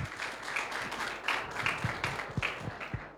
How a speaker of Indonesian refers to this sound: Boleh kita kasih tepuk tangan yang meriah untuk kita semuanya?